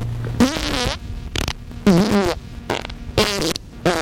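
A run of wet, sputtering fart sounds, four bursts of rising and falling buzzy tones with gurgly, oily-sounding discharge between them, loud and alone with no talking.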